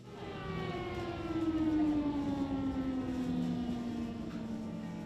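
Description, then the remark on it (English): An air raid siren wails steadily, its tone sliding slowly downward with layered harmonics, over a rumbling, noisy background and no talking. During the air alarm, all the babies are being taken to the basement for safety. “So we just heard an air alarm, which means that all the babies are being taken to the basement for safety.”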